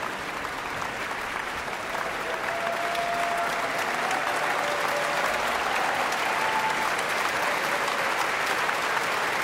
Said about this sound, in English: Back again, Liza Batyashvili, and the standing ovation continues.